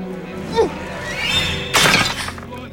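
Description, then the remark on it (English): A single loud, sharp crash of a clay jar shattering when a snail shell is hurled through a hut's window, bursting across the whole range before scattering into fragments and fading, preceded by a brief whoosh and faint background sounds. “hurls it through the hut's window, shattering a clay jar.”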